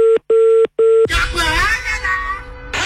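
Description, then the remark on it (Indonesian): Three short, steady telephone tones beep in quick succession, like keys pressed on a phone keypad, followed immediately by a person talking over some background noise. “Mungkin saya telepon lagi ya.”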